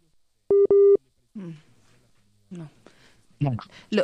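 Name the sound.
telephone busy tone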